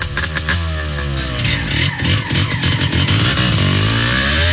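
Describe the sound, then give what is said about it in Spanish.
A motorcycle engine revs up loudly, its pitch climbing and falling in throttle bursts before settling into a steady rising roar. “Ruedas, donde los mejores recuerdos comienzan en moto.”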